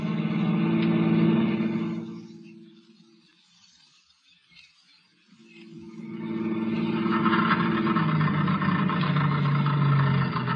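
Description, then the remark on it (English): A car engine drones loudly, then falters and dies away to near silence before surging back up in a rough, sputtering rumble as the car runs out of gas. No one speaks. “Well, that's the end of the gas.”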